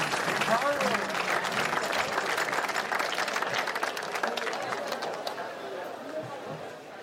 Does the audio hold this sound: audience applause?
yes